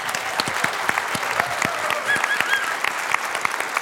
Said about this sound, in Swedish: Hej och välkomna ska ni vara till det politiska spelet från Konserthusteatern i Karlskrona. En stor applåd till vår publik.